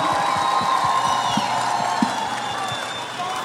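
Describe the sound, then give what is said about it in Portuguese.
A crowd applauds and cheers for the host's guests on the forró show Forró Mania for several seconds, with dense steady clapping, scattered whoops and whistles riding above, all at a fairly loud, even level that eases slightly toward the end. “Aplausos para os meus convidados, por favor.”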